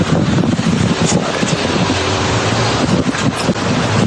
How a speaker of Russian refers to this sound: Вот все, машины стоят. Это я на самокате еду.